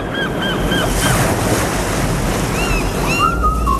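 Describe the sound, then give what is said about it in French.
Seagulls cry out over a steady roar of ocean surf, first in a quick run of three short calls, then in several longer, higher squawks toward the end, with wind blowing across the microphone. “On s'y croirait presque, non, les petites mouettes non.”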